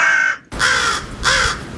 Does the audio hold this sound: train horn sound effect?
no